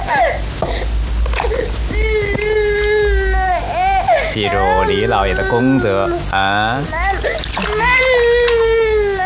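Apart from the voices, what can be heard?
baby crying loudly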